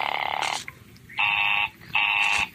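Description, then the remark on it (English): A telephone busy signal heard while calling an office line that is busy: a buzzy, steady tone pulsing on and off in even half-second bursts, three beeps in a row, fairly loud and clear with no one talking. “Operator, the line is busy.”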